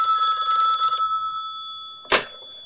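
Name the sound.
telephone ringing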